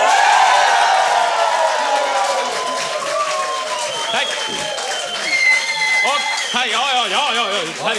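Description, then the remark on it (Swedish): A concert audience cheers and applauds loudly as if a song were being introduced again, with whoops and high shouting voices over dense clapping that carries on steadily throughout. “Som om vi skulle presentera igen och så får ni jubla allt vad ni orkar istället.”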